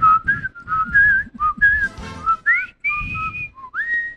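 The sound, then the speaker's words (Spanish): A person whistles a lively song melody, a run of clear, pitched notes that rise and fall in quick phrases, fairly loud with a faint background hum underneath. “Ahí sí silba, ¿no?”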